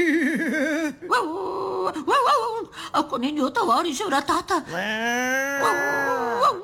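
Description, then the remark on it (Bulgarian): A storyteller imitates a dog in a Bulgarian folk tale, where a horse, an ox and a dog knock at a man's door asking to come in from the cold: wavering whimpers, then a short spoken line, then a long, rising-and-falling howl. The voice is loud and steady throughout. “И кучето! У-у-у.”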